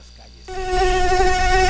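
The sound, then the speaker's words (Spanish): A loud, steady buzzing of a cricket starts abruptly after a brief quiet moment and drones on continuously, with a rich, nasal tone that never wavers. “Por favor, callen ese grillo.”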